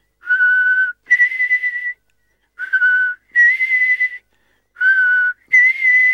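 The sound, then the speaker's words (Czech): A human whistle imitating the call of an old blackbird perched on a window ledge, repeated three times: each a steady lower note followed by a higher, slightly wavering note, loud and clear with short pauses between. “Kosák jakoby věděl, že není čas na žádné okolkování, energicky zabušil oranžovým zobákem do skla a zahvízdal.”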